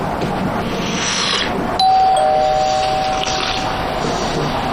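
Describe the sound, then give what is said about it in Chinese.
A doorbell chimes once, two bright ringing tones that sustain and fade slowly over a steady background hiss, with no one speaking. “我去开门。”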